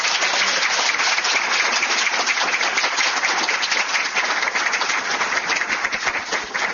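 A crowd applauds steadily, a dense crackle of many hands clapping at once that holds an even loudness for the whole stretch, with no voices rising above it.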